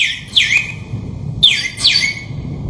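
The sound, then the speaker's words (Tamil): A sparrow chirps in short, sharp, downward-sliding notes, four calls in two quick pairs, clear over a low, steady rumble in the background. “குருவி குருவி குருவி ஏ குருவி சிட்டு குருவி.”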